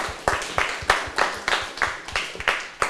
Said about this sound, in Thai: ปรบมือให้กับเพื่อนหน่อยค่ะ